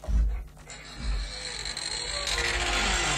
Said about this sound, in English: Oh, I got to get this chair fixed. This is a creaky chair.